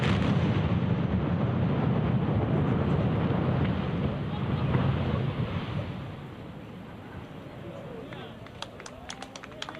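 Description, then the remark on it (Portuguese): A controlled demolition blast bringing down two structures at a power plant, after a siren and countdown, rolls into a heavy, low rumbling roar of collapse for about five seconds, then fades, followed by scattered sharp claps of applause from watching spectators and faint voices. “2 aplausos, sentímolo o golpe, e a verdade é que foi impresionante a demolición.”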